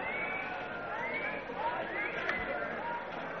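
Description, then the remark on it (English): A dense crowd murmur of many overlapping voices, a steady babble with no words standing out, holding at an even level throughout. “Vicky has spotted Katarina moving through the crowds.”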